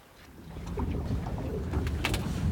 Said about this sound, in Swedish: Och så här lät det när vi var ute båda två med båt i torsdags.